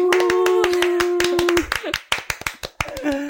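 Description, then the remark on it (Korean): A quick run of sharp hand claps in a steady, brisk rhythm, loud and crisp, with a sustained sung or hummed tone underneath at first and brief voiced sounds mixed in toward the end. People clap together on a count of one, two, three to open the segment. “저희 그 박수로 한번 시작해 볼까요?”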